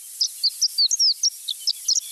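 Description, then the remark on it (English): Horned lark song: a quick, high-pitched run of about a dozen tinkling chirps and slurred whistles, bright, with no voices. “Learn more and see a picture of a horned lark at our website,”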